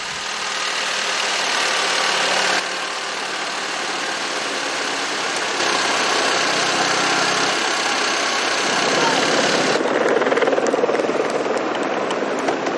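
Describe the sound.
A car engine drones steadily during a road cycling race, a continuous mid-pitched rumble with broad road and wind noise that shifts slightly partway through, with faint voices murmuring underneath.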